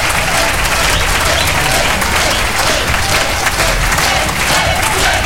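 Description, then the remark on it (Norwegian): Sustained audience applause for a dance band at the end of an evening, a dense, even roar of many hands clapping at steady loudness throughout, with faint crowd voices mixed in. “Ja da, gi din ekstra applaus til dansebandet for en fremragende kveld.”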